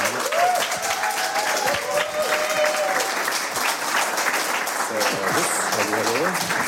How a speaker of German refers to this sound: Großer Beifall. Herzlich willkommen. Gringo Meyers bei uns.